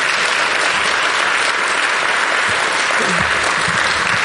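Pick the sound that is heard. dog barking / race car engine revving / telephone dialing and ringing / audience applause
audience applause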